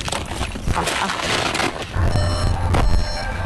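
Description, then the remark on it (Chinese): A car rumbles with steady engine and road noise along a winding mountain road, then settles into a deeper hum with a thin high squeal as it pulls over and stops at the roadside after a drive of over 40 minutes. “山路蜿蜒，40多分钟车程后，汽车停在路边，剩下的路要靠双脚走完。”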